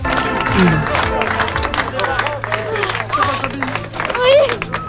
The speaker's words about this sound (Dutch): ja, je ziet volop geknuffel, emotionele stemmen overal, uiteraard ook applaus. Het is om kippenval van te krijgen, hè?